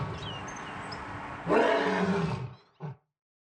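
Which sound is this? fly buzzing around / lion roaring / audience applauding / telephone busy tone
lion roaring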